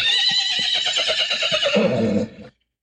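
A horse whinnies loudly and close by, a long shrill neigh with a rapid quavering pulse that drops lower toward the end before cutting off abruptly, with no talking.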